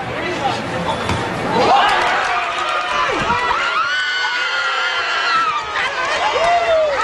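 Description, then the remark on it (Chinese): A 59-year-old woman, grandmother of a young footballer from a favela, cheers excitedly from the sideline, her voice rising and swooping in loud shouts over a steady background of crowd noise at a football match. “这个在场边激动欢呼的老人”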